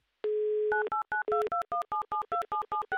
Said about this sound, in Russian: Быстро, оперативно, электронными вот этими вот прекрасными пальцами мы набрали тот самый номер телефона.